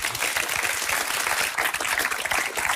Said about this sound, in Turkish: Bence yani bu alkış almaz mı?